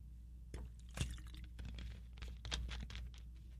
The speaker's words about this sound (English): That's what drinking water sounds like.